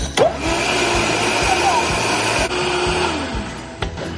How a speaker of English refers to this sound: Okay, put it on the blender. Or on the machine, whatever it is.